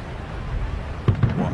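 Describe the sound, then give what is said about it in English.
Two dull, distant booms, like far-off fireworks or cannon fire, heard during a baseball game, pop up in quick succession over a low rumbling murmur of background ambience. “It sounded like fireworks off in the distance. I think a Civil War reenactment.”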